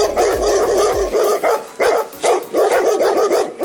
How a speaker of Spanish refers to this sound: Exactamente, empieza nuestro perrito con un ruido suave, luego sube el volumen, le contesta el perro del vecino y en menos de un minuto parece que vivimos en medio de un bosque lleno de lobos.